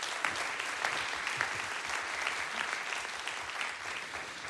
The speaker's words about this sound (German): Bitte nochmal einen Applaus für unsere Kollegen.